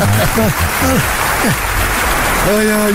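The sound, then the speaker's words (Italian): A pre-recorded applause sound effect: steady, dense clapping from a crowd fills all three seconds, with a few voices and whoops rising and falling over the crackling noise. “Mi sono preparato anche gli applausi da me, perché tanto me li manda mai.”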